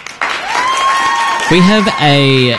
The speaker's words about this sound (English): Hey, can you press the applause button for just a second?